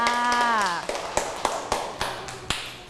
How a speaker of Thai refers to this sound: เก่งมากๆเลยปรบมือให้ตัวเองค่ะ